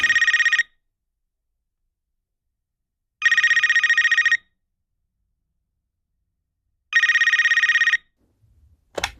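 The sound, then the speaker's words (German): A telephone rings three times in bright, buzzing bursts of about a second each, separated by silent gaps, followed by a brief click at the end. “Du wärst am Telefon, wie kann ich helfen?”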